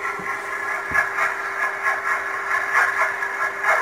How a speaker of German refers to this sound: Das ist ein Überwasserdampfer, ein Containerschiff. Aha. Wenn die Schraube so ein bisschen ins Wasser reinschlägt.